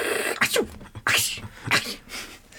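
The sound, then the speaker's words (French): A vulture sneezes several times in quick succession, each a short, sharp, breathy burst with a hissing spray, fairly loud with no talking. “C'est un vautour qui éternue.”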